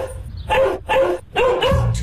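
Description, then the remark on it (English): A dog barks three times in quick succession, loud, each bark sharp with a slightly rough, harmonic tone and short pauses between them. “Oh, who let the dogs out?”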